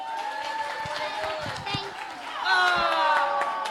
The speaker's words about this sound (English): Give her a clap.